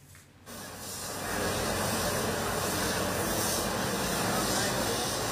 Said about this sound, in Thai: เครื่องฉีดน้ำแรงดันสูงนี่แหละค่ะที่รองนายกยศนันใช้ในการช่วยล้างคราบโคลนที่มันฝังแน่นอยู่ตามพื้นถนนแล้วก็บ้านเรือนในเขตเทศบาลเมืองน่านจุดนี้คือถนนสุมนเทวราชหน้ากาดสีคำค่ะ